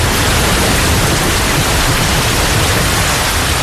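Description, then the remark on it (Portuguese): A dense, roaring downpour of torrential rain in the rural areas around Lisbon, Portugal, on the night of 25 to 26 November 1967, flooding the land, loud and steady throughout, a continuous hiss of water with no voices and no pauses. “Em poucas horas, a chuva torrencial inunda as zonas rurais que circundam Lisboa.”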